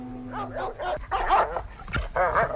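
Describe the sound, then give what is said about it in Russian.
Two chained German shepherd dogs barking in a rapid, agitated series of loud barks and yelps, overlapping as both strain at once, with no one speaking. “К нему уже рвались 2 овчарки.”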